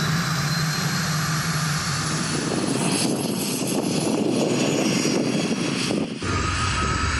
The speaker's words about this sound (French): Oh là là là là là là, j'ai l'impression que je crache du feu, quoi. Oh là là, quand j'accélère, j'entends la turbine qui se met en route. C'est un truc de dingue.